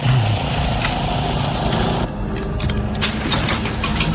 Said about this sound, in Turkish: Çim biçme makinesi yüzünden hiçbir şey duyamıyorum Tanrım.